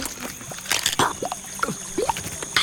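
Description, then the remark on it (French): Small wet crunching and snapping sounds come in quick irregular bursts as a Hylonomus, an insectivorous reptile about 20 cm long with brownish scales and long pointed teeth, bites into an insect's rigid shell, with faint chirps and a steady outdoor hiss behind. “Oh, il vient de croquer une bestiole.”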